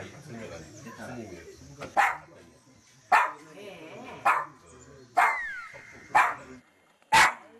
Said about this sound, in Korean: 아예 법당에 못 들어오는 손님도 있는데요. 외모하고 다르게 너무 크게 짖어가지고 깜짝 놀랐어요. 법당을 못 들어가게 지키는 것 같은 느낌?